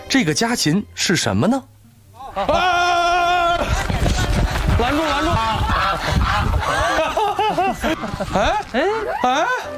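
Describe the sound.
A goose that has taken over a black-boned chicken's nest honks loudly as people try to catch it, with harsh repeated calls and a long drawn-out honk. Other cackling bird sounds and voices overlap throughout.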